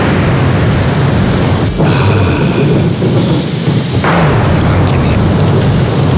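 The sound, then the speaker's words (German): Steady, loud autumn rain hisses throughout, with a deep rumble of thunder rolling underneath and swelling briefly midway before fading back into the downpour. “Herbstregen und Donner.”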